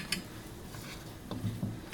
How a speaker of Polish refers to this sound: Na tyle wygotowane, że możemy je wyjąć. Stawiam sobie po prostu talerzyk obok garnka